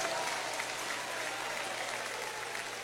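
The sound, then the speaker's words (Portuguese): A church audience applauds steadily in praise of the Lord, a dense wash of many hands clapping at once, sustained and fairly loud throughout with no pauses. “Um aplauso ao Senhor.”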